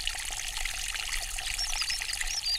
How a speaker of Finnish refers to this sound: Ja siellä pohjalla luikertelee sitten savimaan ruskea pikkujoki, johon yhtyy toinen vielä pienempi kirkkaana pulppuileva.